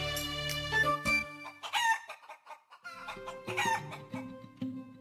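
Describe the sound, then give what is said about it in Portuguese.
A guineafowl calls loudly, a harsh, rasping cackle repeated in several quick bursts over a few seconds, with no voices present. “Um dia, porém, descobriu uma galinha do mato que fizera ninho no meio das nuvens.”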